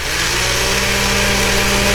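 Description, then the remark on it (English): A blender runs steadily for about two seconds, a loud, constant motor whir with a low humming drone underneath and a broad hiss on top. Nobody speaks. “And then the blender.”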